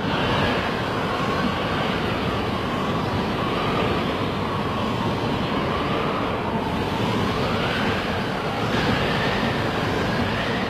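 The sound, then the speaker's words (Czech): Strong gale-force wind, made stronger by turning up a fan, roars steadily and loudly for the whole stretch, a thin whistling howl rising and falling through the dense rushing noise. No one speaks. “A co kdybych větráku ještě přidal a on foukal už pořádně?”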